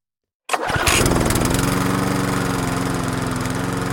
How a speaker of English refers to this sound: A lawnmower somewhere in the distance. Then another, and another. Soon it seems as though every evening and every weekend there is the sound of a mower coming from some nearby garden. The gentle drone of engines and the scent of freshly cut grass.